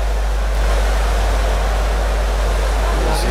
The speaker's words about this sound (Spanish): Sí. El ambiente de la lluvia. Se nota claramente porque las luces.